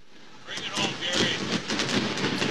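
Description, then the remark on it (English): Fireworks burst over a baseball park in Chicago after a game, in a quick, irregular series of booms and crackles echoing across an open space, with a steady wash of crowd noise underneath. “The fireworks going off here in Chicago.”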